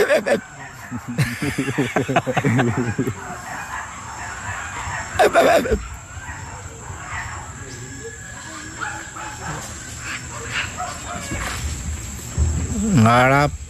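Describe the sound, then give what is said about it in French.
A person mimics spider monkey calls with a string of high, yelping, barking cries, loud, repeating in bursts with short pauses and a few sharp whoops near the end. “Et là, les singes araignées.”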